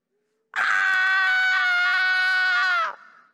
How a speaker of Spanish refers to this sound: Se escucha un grito, como dijo el salmista Stanislao Marino. Un lamento, un sollozo.